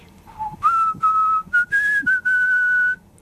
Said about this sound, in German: Er pfiff dabei sogar sein Lieblingslied vor sich hin.